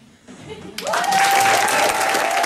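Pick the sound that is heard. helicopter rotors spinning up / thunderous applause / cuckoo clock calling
thunderous applause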